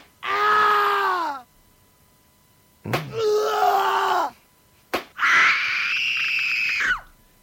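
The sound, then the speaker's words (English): A person screams and groans in three loud, drawn-out cries, with short pauses between them and a sharp smack just before the second and third outbursts. “Well, I know, and screams happen at this borderline of pleasure and pain”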